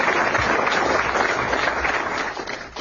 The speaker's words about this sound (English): So please give yourselves a round of applause there.